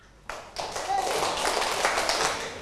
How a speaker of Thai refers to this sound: ปรบมือเป็นจำนวนขาลา